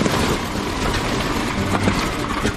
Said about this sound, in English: But it's clear all is not well. The banging sound comes from one cylinder failing to fire properly.